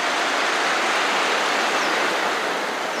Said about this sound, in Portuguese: Uma salva de palmas.